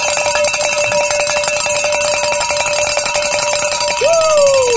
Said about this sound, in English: I'd love to ring the bells in our first hour back together again. It's our reunion tour. And get your bell out, because here we go.